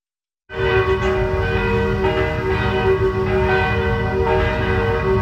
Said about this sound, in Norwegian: fikk flere tips fra beboere i området, blant annet en video hvor man kan høre kirkeklokkene.